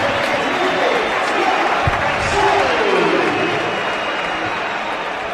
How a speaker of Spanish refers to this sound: Yo diría que más aplausos en la salida de Fransol que pitos. Bueno, pues esta fue la salida de Fransol otra vez al terreno de juego.